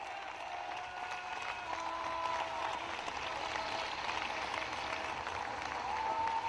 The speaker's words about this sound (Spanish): Bueno, ¿cuántos le dan un aplauso grande ahí al Cristo de la gloria?